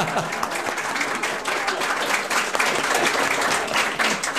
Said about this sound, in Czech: Prosím, potlesk.